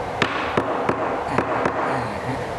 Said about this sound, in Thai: โอ้แล้วตอกไหม ตอกลงไปเลยครับตอกด้านบนก่อนด้านบนก่อน